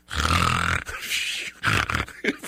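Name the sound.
voice imitating snoring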